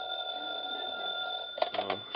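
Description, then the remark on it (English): A telephone in the hall rings at 3 o'clock in the morning with a steady, shrill electric bell tone held for over a second, then a few sharp clattering bursts follow. “3 o'clock in the morning and the phone rings.”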